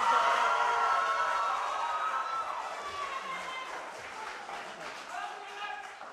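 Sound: audience applause and cheering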